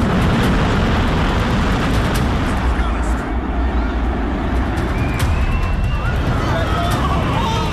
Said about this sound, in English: That was the second building coming down. The cloud was already beginning to come through the street.